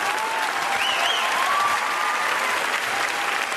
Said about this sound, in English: Applause break number 2.